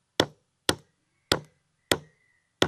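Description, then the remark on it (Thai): A metal stamping tool strikes leather five times, tooling a pattern of overlapping circles, in a steady, slightly uneven rhythm. Each sharp, crisp tap fades quickly, with brief silence between hits and no talking. “นี่เราตอกนะฮะ”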